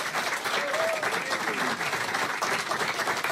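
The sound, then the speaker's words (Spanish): A crowd at Estudios Pira, 9 de Julio 3035, Córdoba, applauds the event's organizers steadily, a dense wash of many hands clapping at even loudness throughout, with a faint voice briefly audible beneath the noise. “Fuerte el aplauso, por favor, para mis amigos.”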